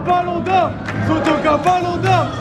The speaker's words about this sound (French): Chacun des joueurs a droit à son tonnerre d'applaudissements.